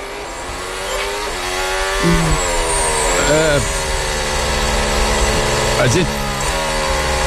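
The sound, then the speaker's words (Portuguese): Race car engines drone steadily behind a safety car on a partly wet, partly dry track with spray rising, their pitch climbing and dipping as cars shift and pass, with a broad road hiss beneath and a voice talking over the noise. “Continua o safety car rodando e os carros atrás ainda.”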